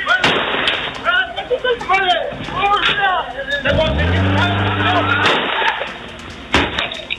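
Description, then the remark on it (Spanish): A few sharp, loud gunshot cracks ring out at irregular intervals, fired from a moving vehicle in the Barrios Bajos sector, caught on security camera video, amid agitated shouting voices and a low, steady droning tone partway through. “De acuerdo a videos de cámaras de seguridad que se han difundido, se observa cómo se percutan varios disparos desde un vehículo en movimiento, aparentemente contra personas que estaban en la calle.”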